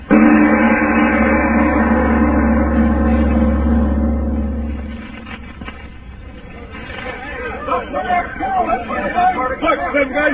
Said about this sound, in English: Them guys trying to start that truck.